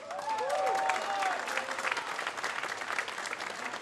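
Audience applause at a boxing event, honouring its organizer: dense, steady clapping from a crowd, with a few high whistles and cheers rising over it at the start, continuing evenly throughout.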